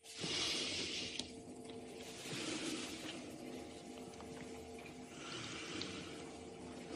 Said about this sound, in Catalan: A veure, respira.